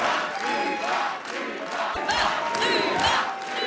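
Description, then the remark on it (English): A large crowd at a separatist party rally chants the party leader's name together in unison, the loud massed voices rising and falling in a steady, repeating rhythm that fills the whole stretch without a break. “They chant her name all together as one.”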